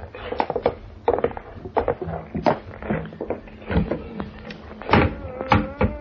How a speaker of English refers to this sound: Hey, it's an opening in the floor. This trap door leads to the cellar. There are stairs going down.